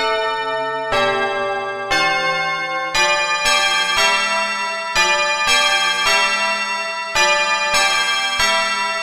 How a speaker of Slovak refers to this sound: Keď sa mu už od hladu nohy podlamovali, zbadal v diaľke veľké mesto a začul vyzváňanie zvonov.